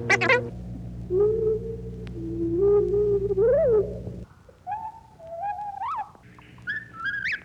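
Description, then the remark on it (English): The spoken words "where are we going" sped up into high, chirping warbles that resemble a whippoorwill's song, sped up to the same extent as the bird song was slowed down, delivered in two short rising-and-falling phrases, the first over a low steady hum. “When the process is reversed and the words speeded up to the same extent as the bird song was slowed down.”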